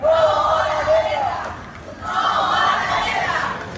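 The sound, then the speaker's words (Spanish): A crowd of about 200 people protesting against all wars shouts together in the streets of Toledo on a Sunday morning, loud and sustained, with overlapping voices rising in two waves and a brief dip in the middle before the chanting swells again. “Los toledanos han querido lanzar un grito contra todas las guerras que hay actualmente en el mundo.”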